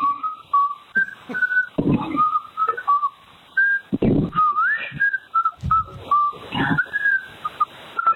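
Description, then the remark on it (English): A person in Oregon whistles Happy Birthday, clear steady tones gliding between notes, with occasional low thumps and rustling noises breaking in between phrases. “he whistled happy birthday to me.”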